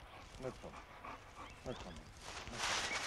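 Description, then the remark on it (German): Someone speaks in a low, soothing tone to a dog, which makes a few soft whimpering sounds, before a burst of rustling noise at the end. “Wo ist er denn? Guter Hund.”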